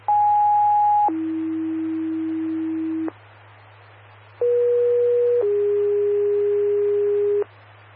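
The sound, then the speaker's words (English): Dispatch alert tones: two rounds of steady two-tone paging, a higher pitch for a second dropping to a lower one held about two seconds, a short break, then another pair, over a faint low hum. “unit, stand by for tones.”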